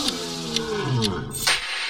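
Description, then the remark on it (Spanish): A Bengal tiger lets out a deep, rumbling roar that swells and rasps for about two seconds, loud, with no voices over it. “El tigre de Bengala es uno de los felinos más grandes y poderosos del mundo.”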